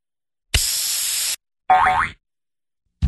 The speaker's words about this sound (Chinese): 你知道为什么易拉罐打开的时候会有气泡丝丝的冒出来吗？